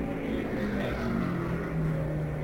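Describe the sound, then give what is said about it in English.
A race car engine drones steadily, its low pitch shifting slightly as the car slows and pulls into the pit, with no voices over it. It is race leader Johnny Thompson's car number 3, the Adams Quarter Horse Special. “Here comes Johnny Thompson into the pit right now, our leader in the race.”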